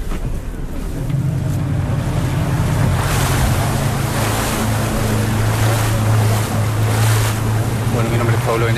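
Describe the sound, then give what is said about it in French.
A boat motors steadily across open sea west of Puerto Montt toward an Aquachile offshore fish-farming site about 1200 metres away, its low engine drone running under continuous splashing waves and buffeting wind, loud throughout. “Et on s'apprête à visiter un centre d'élevage en pleine mer.”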